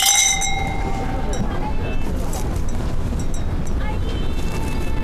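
Glasses clink together in a toast welcoming a guest to a family's home, a bright ringing tone at the start that fades over a second, followed by a few lighter taps against a steady, rumbling background noise.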